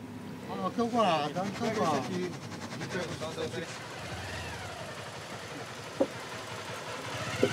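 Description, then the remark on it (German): Steady engine drone of a ferry carrying cars and passengers on the water, with indistinct voices talking over it at first, then a continuous rumbling hum and a couple of short knocks near the end. “Je mehr Autos und Passagiere, desto mehr Wasser in der Fähre.”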